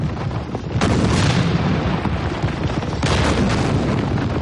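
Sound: cannon firing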